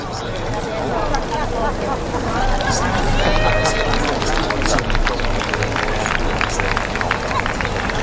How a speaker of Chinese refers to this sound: 他的这匹马 Fisher Chipmunk 跑得非常自信啊，感觉这就是主场的风范。节奏调整一下，这种窄的障碍主要是得跳准，而不是要快。